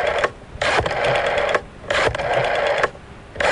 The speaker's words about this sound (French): On recompose le numéro de téléphone.